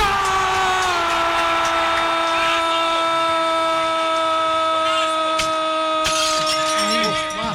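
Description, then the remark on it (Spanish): A loud, steady droning hum runs throughout, then near the end a car window belonging to former coach and Win journalist Juan José Peláez is suddenly smashed, as heard on a live broadcast: one sharp crash followed by a brief scatter of glassy crackling. “El momento exacto de la que se escucha en la transmisión en vivo fue este, cuando le rompen el vidrio.”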